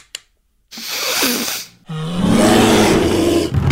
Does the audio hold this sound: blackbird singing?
no